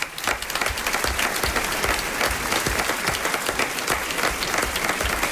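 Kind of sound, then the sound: crowd, audience applause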